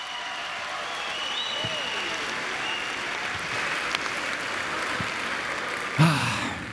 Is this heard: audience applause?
yes